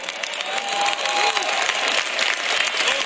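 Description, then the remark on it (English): A church audience claps steadily for the pastor in his 36th year leading the church, a dense wash of many hands at a fairly loud level, with faint scattered voices and a few calls mixed into the applause. “Y'all clapping, but go ahead, look at your neighbor.”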